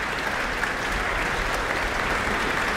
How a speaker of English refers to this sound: And it's them that is being acknowledged now by the conductor, Elena Schwartz. She's pointed up at them, brought them to their feet. They're responding to her with applause themselves.